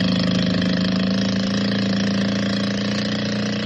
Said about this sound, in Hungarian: Mögöttük egyszerre felviharzik a víz, a csónak felkapja az orrát magasra ki a vízből, mintha fel akarna repülni, és panaszos bőgéssel veszettül rohan ki a lagúnára.